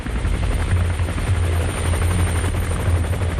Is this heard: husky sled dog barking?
no